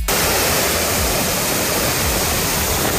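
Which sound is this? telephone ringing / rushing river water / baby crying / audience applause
rushing river water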